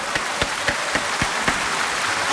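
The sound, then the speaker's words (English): Applause sound effect on Kids 101.7 radio: a dense wash of clapping with sharper claps cutting through at a steady, regular pace, moderately loud and with no voices. “Why are they not giving me an applause?”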